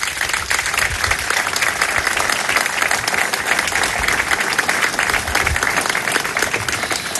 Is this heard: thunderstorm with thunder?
no